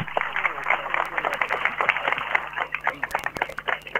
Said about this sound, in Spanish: A todos los presentes les pedimos, les brindamos un fuerte aplauso.